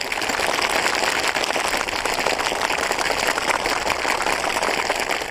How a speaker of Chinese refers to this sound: 掌声说明你说的不错，大家都听明白了。